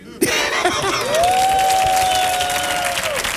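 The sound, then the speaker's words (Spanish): An audience bursts into sustained applause after a brief pause, dense clapping at a steady loud level, with a faint whistle or cheer riding over it. “Fuerte el aplauso para don Arcadio Yulupuki.”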